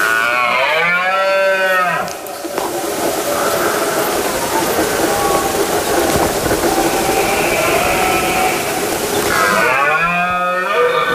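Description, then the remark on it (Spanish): A male deer bellows twice during the rut in the countryside in late September, a loud, drawn-out, groaning roar at the start and again at the end, separated by a stretch of rough, rushing background noise. “Como saben, es la época del celo del ciervo y del corzo, por lo que el macho brama para llamar la atención de las hembras e imponerse ante el resto de los machos.”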